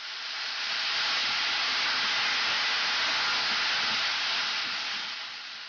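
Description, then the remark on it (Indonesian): A steady, loud sizzle of carrots frying in a hot pan for spicy kimpira as the water from the soy sauce evaporates, a dense hissing crackle that holds constant throughout with no voices. “manisnya sampai kandungan air dari kecap asinnya menguap dan wortelnya kelihatan seperti mulai hangus.”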